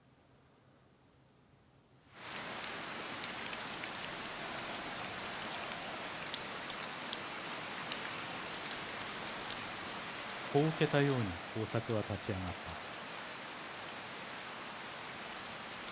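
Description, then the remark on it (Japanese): Steady rain begins abruptly after a brief quiet moment and keeps pattering hard on a surface, a dense continuous hiss; a man's voice speaks briefly over it near the end. “雨が耕作に吹きつけた。”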